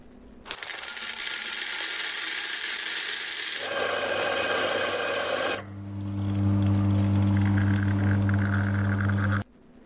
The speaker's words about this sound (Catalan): Això al final és un microones.